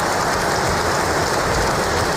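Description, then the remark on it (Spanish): A crowd applauding King Mohammed VI before he begins his speech, with dense, steady clapping blending into an even wash of sound at constant loudness, no voices heard over it. “Antes de empezar ese discurso, hemos escuchado aplausos al rey Mohamed VI, como hace habitualmente, lo está leyendo.”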